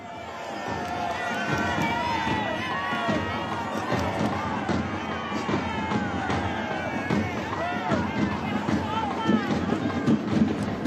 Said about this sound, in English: There is a big crowd here, pilgrims from all over the world. 20,000 is the estimate that has been given to me.